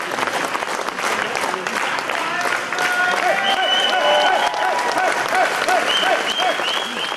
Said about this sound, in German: Wie ein siegreicher Matador zog Ulrich Siegmund unter lautem Jubel in das Gästehaus Spiegelsberge ein.